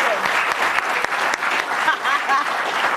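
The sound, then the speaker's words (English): Steady, dense audience applause with many hands clapping at once, loud and sustained for the whole stretch, with a few faint whoops or voices rising over the clapping. “Hey, the fact that he used that in the right way and it wasn't sexual, so applaud him.”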